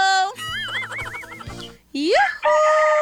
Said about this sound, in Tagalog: Aray, yung manok. May manok!